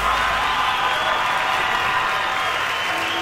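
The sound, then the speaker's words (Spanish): Steady, dense applause from a large audience in Colorado in the afternoon, continuous clapping filling the space at a loud, even level for the whole stretch, with no voices standing out. “Gracias, muy amables, por los aplausos a toda la gente que se acompaña esta tarde.”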